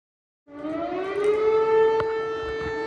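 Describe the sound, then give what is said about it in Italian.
An air raid siren in Tarnava Colonia, Lublin province, eastern Poland, starts up at night after a brief silence, its loud wail rising in pitch and then holding a steady, sustained tone with no voices; the alarm was triggered after an unidentified object was detected. “Gli abitanti di Tarnava Colonia vengono svegliati dalle sirene in piena notte.”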